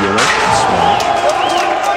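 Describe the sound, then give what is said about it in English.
A loud, dense crowd of rioters in Albania cheers and shouts continuously, with whoops and raised voices rising over a roaring mass of noise, as the constitutional court building is pelted with rocks, its doors rammed open and the building set on fire. “Cheers from the crowd as Albania's constitutional court building succumbs to a sustained onslaught.”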